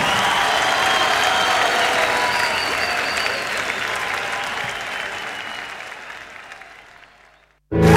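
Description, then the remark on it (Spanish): A crowd applauds loudly with dense, sustained clapping that gradually fades over several seconds before cutting off abruptly, followed by a brief burst of a new sound. “Fuerte el aplauso para el Pedi.”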